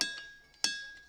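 nature, ringing rocks being struck

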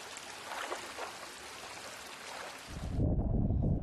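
nature, stream water flowing

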